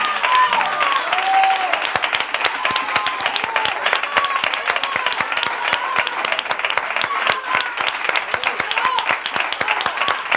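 A crowd applauds steadily for about ten seconds, dense overlapping claps forming a loud, sustained wash, with a few scattered cheers and whistles rising above it.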